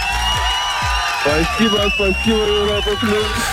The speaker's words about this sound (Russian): эти аплодисменты также для тебя.